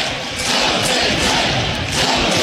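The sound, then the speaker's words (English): A large Nebraska baseball stadium crowd roars and cheers steadily after Drew Griego's bases-loaded home run to deep right center field puts Nebraska ahead 13-6. It is a loud, dense wash of many voices with no pauses, swelling slightly in waves throughout. “Big Red, and listen to the crowd.”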